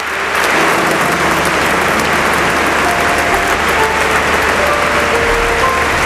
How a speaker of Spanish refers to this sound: Esto que estamos escuchando ahora mismo son los aplausos que se están ofreciendo, que se están dando en esa iglesia de San Agustín en Barcelona, donde se encuentra ahora mismo el Papa León XIV, saludando a una de las personas que está interviniendo,